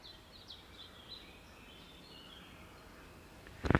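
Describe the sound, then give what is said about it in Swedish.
Faint birdsong outdoors as spring arrives after dry, warm weather: scattered high chirps and warbles over a quiet background hiss, ending with a brief, sharp rustling burst. “Jag hörde mest fågelkvitter om jag ska vara ärlig.”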